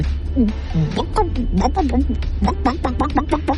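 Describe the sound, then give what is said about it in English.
A voice imitates a chicken clucking, making a quick run of short, bouncy, pitched clucks over a steady low hum. “Mama, what does the chicken say? Chicken.”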